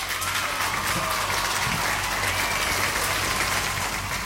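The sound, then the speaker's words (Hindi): Sustained applause fills the whole clip, a steady dense wash of many hands clapping at an even loudness, with faint crowd murmur and a whistle-like tone weaving through. “उसके साथ साथ आप सभी ने बिल्कुल सही जवाब दिया है, तो बजेंगी तालियां यहाँ पे।”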